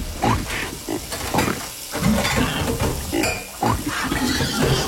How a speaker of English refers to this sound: Here's a pig doing the dishes.